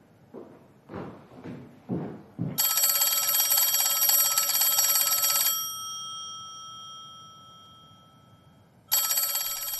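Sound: telephone ringing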